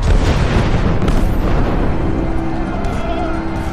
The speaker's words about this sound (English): I suppose that it rarely happens that such a distinguished gathering should so meet under such stirring surroundings, with the guns thundering all around.